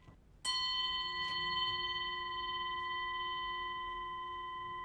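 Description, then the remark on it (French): A Tibetan jingle bell, of the kind boys wore on their feet for dancing, is struck once and rings on with a bright, sustained metallic tone that fades only slowly over about 30 seconds, accompanied by a faint second tap and no talking. “Ce sont des grelots tibétains.”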